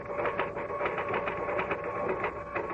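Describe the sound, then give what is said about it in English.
Rapid, steady mechanical clacking of typewriter keys, a continuous run of sharp strikes over a faint whirring hum, with no voices. “I stayed away from the typewriter, but when I blew my last fiver, I sat down and started to type again.”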